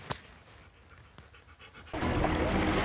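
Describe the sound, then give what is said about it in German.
A dog pants in quick, rhythmic, breathy huffs, fairly soft at first; partway through, a loud steady rushing noise swells in and largely covers the panting. No one speaks. “Was für ein toller Hund.”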